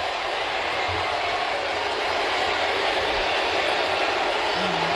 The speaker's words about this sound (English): What a moment. What a moment at Citi Field. Everyone is cheering Pete Alonso, even though he's tied this game up in the ninth. It's unbelievable. Sounds like Camden Yards. It does. You can hear the crowd.